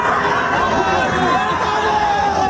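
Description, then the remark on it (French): A crowd cheers and shouts in welcome for the French national football team, Les Bleus, in the United States, many voices overlapping in a loud, steady roar of excited calls and chatter with no pause across the few seconds. “Ça fait pas ça, nous, qu'on arrive en studio le matin, personne ne crie comme ça.”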